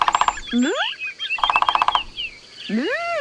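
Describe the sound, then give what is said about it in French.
A green woodpecker calls loudly, with two bursts of rapid, chattering repeated notes alternating with swooping calls that rise sharply in pitch. No one speaks. “Qu'est-ce qu'il est bavard, ce pivert ?”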